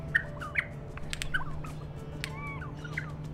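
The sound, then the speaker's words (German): A recording of a regent honeyeater song, played to captive-bred regent honeyeaters at an Australian breeding station: a run of sharp chirps, short squeaky warbles and a few slurred whistles at moderate volume, heard alone over a steady low background hum. “Die Gesänge helfen den gezüchteten Tieren in der Wildnis bei der Interaktion mit anderen Warzenhonigfressern, zum Beispiel bei der Partnersuche.”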